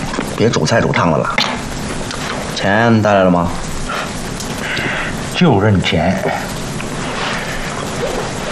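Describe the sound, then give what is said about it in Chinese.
Steady rain hisses without a break, a dense, even wash of patter filling the background. Several bursts of voices rise over it, while the downpour continues underneath at a constant level. “这什么鬼天气？下起来没完了。下雨好啊，水煮柴。”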